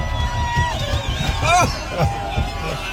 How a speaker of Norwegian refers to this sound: Og her det da altså bilen som gynger av folk som blir så gira av å se dere. Går det greit å komme seg rundt, eller? Ja, ja noen ganger så det ganske ekstremt, og dette her klippet jo fra Alpe d'Huez.